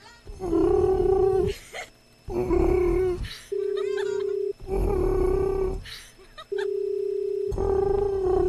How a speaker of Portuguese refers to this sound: Olha, até o toque, o barulho de chamar lá no Japão é diferente. Parece um pombo.